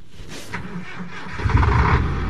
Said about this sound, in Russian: Большой автотранспортный цех гудел огромными автомобилями «БелАЗ». Одни заезжали в ремонтные боксы, а другие выезжали исправные на линию.